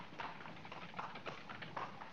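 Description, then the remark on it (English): Horse hooves clip-clop at an unhurried, uneven pace as a horse pulls a cart, over a steady rumbling of the cart rolling along, the hoofbeats moderately loud with no voices. “The horse and cart would make it too simple for the cops to be finding us.”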